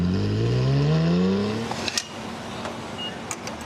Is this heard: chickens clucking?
no